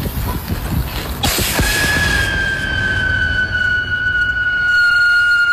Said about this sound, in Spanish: No, ese es el sonido de la cañita.